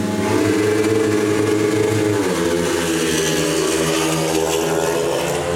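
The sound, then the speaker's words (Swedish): Several speedway motorcycles, including Lejonen team riders, roar off the start of a race heat in Västervik and into the first bend, engines revving hard with stacked, shifting harmonics that dip and rise as they accelerate together in a loud, continuous snarl. “Förare i väg och in i första sväng, och där hamnar en lejonförare i luftstaketet på eget bevåg, att döma av vad jag såg från min position här i alla fall.”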